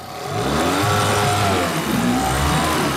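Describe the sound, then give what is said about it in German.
The eight-horsepower motor with special gearbox on a 12-metre tourist raft from Eggesin runs continuously and loud, its droning pitch rising and wavering slightly as the engine works, with no voices over it. “Der 8 PS-Motor mit Spezialgetriebe an seinem Floß.”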